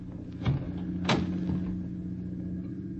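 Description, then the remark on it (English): A car door is opened: a metallic clunk, then a sharper latch-like crack about half a second later, both over a steady low engine rumble. No one speaks. “Get the door open.”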